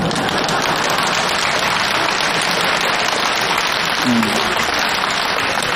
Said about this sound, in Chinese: 这回掌声就热烈了，大家伙也笑了